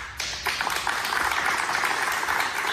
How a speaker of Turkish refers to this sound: Halk TV çalışanları kararı stüdyoda alkışlarla protesto etti.